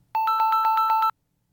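A telephone rings once on an outgoing call to someone on a boat in the Mediterranean during a live broadcast: a rapid, trilling, mid-pitched electronic ring lasting about a second, fairly loud and steady, followed by silence. No one speaks.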